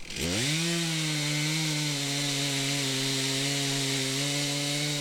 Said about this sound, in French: Ok, bon, bah, je vous laisse reprendre la tronçonneuse.